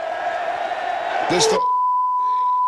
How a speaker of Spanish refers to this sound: Ese era el grito, que aquí es un bip, por supuesto.